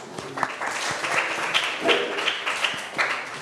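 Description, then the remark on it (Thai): A group of students claps together for a classmate who gave a correct answer in a classroom clue game, a steady burst of applause, a dense patter of many hands with a few sharper slaps standing out. No one speaks over it. “ใช่ ถูกต้องปรบมือให้เพื่อนค่ะ”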